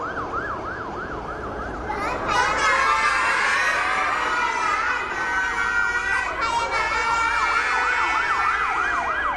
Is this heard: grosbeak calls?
no